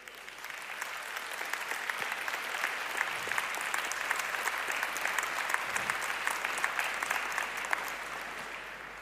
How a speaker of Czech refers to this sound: Ten potlesk patří pánovi, to víme.